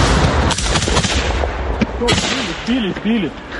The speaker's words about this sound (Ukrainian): У цей час у небі лунає знайоме дзижчання. Неподалік FPV-дрон. Хлопці відкривають вогонь.